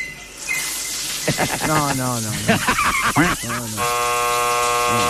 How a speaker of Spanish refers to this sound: Mirá lo que es esta cascada y esta vista. Impresionante. Escuchá la cascada. Es una cascada hermosa. Fíjense, no es una. Son como tres cascadas.